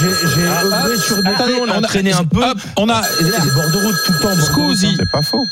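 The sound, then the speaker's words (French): A telephone rings for an incoming call from a listener who wants to join the GG show, a steady, high electronic tone that sounds almost continuously with one short break, while people talk loudly over it. “On a un appel GG, c'est-à-dire l'une de nos grandes gueules qui est en train d'écouter l'émission, c'est la nouveauté et qui veut intervenir.”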